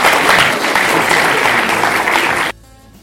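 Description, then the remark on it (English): Loud, dense applause from an audience for the panelists of a discussion program, lasting about two and a half seconds, then cutting off abruptly, leaving only quiet background. “Let's clap for the panelists, please.”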